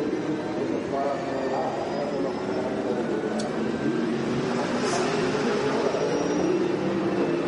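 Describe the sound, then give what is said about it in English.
A racing car engine holds a steady, subdued drone at reduced revs as the driver nurses the car home to save fuel, with no sharp rises in pitch. Faint high whines drift above a constant rumbling wash of noise throughout. “Well, he's certainly not going on full revs, is he?”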